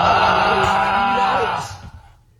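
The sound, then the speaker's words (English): A person imitates a man's deep snore with their voice: one long, rough, rumbling inhale that is loud, then trails off and fades out near the end. “This is his snore.”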